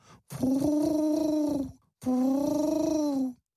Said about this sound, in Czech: Obě se vzrušeně začaly radit, když se dali slyšet holuby, kteří je už chvíli poslouchali.